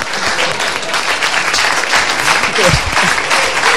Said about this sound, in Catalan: Exacte, fort aplaudiment, fort aplaudiment.